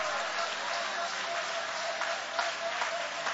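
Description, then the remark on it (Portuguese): A church audience applauds God after a Bible reading, a dense wash of many hands clapping at an even level throughout, with no pauses and a few slightly louder bursts near the end. “Pode tomar o vosso assento, guarda a Bíblia com carinho e podem aplaudir a Deus.”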